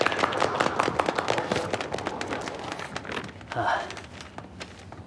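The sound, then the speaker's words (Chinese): An audience at a wine-region estate owners' salon breaks into dense, steady applause to welcome the next speaker, many hands clapping in a rapid crackling patter that holds at a fairly even level before thinning out near the end. “大家掌声有请。”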